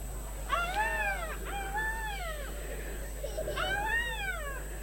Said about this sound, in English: She heard the screech of a black cockatoo.